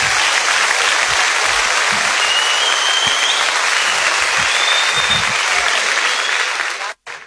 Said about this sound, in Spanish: Aplausos, señores.